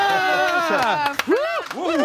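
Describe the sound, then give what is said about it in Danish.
An audience at a sports quiz cheers loudly after a contestant correctly answers that Denmark won the 1992 men's European football championship, with several voices whooping and shouting over one another, and a few scattered claps breaking through near the middle. “Publikum er med dig”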